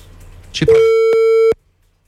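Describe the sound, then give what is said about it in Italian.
A steady, loud telephone busy tone sounds for just under a second after a brief burst of noise, then cuts off abruptly, leaving silence, as a phone call fails to connect. “Basta che non parte la segreteria telefonica, perché no. Nada.”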